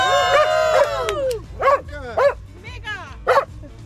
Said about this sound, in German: Wer da bellt, das ist Findus.